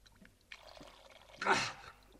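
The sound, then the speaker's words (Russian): Liquid is poured and swallowed, with a soft, splashy trickle that swells into a louder gush briefly before tailing off; no one speaks. “Глотайте осторожнее, чтобы капельки не пролить.”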